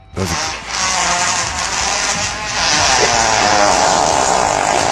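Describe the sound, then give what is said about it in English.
A long, unbroken fart meant as a giraffe's, lasting around five seconds, a raspy, buzzing blast that holds steady in loudness with a slight wavering pitch, heard alone without any talk. “There's only been a couple times in my life where I could do an 8-second fart.”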